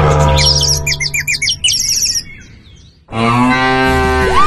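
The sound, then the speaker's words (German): A deep, drawn-out cow moo from a mooing Müllermilch milk bottle sounds loud, paired with bright chirping bird calls. After a brief gap, a second long, resonant moo rises and falls. “Finde eine der noch 4 verbleibenden Muhenden Müllermilchflaschen und gewinne 50.000 Euro.”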